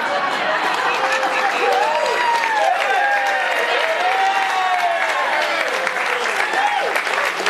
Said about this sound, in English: To start this off, I think we have to give a big round of applause for our military band and singers.